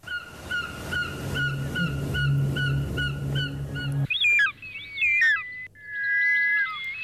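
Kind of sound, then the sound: bird, short-toed snake eagle call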